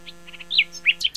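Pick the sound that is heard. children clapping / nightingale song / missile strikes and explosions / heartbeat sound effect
nightingale song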